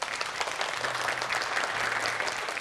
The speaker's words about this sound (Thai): ก็ขอเสียงปรบมือต้อนรับนะครับเรืออากาศตรีสุเทพวงศ์กำแหงศิลปินแห่งชาติครับ